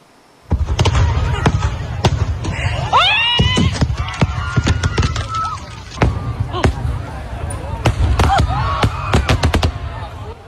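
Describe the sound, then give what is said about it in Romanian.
Rapid, irregular bangs of fireworks burst, sharp cracks layered over a low rumble, while a crowd shouts and screams in alarm throughout, at a pyrotechnics festival in Spain where a malfunction sent fireworks into the area where the audience stood. “O defecțiune a trimis artificii în zona unde se afla publicul.”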